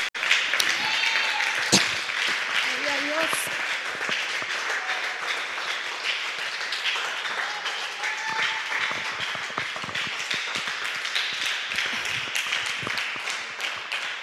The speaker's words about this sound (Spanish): Démosle un aplauso a nuestro Padre Celestial.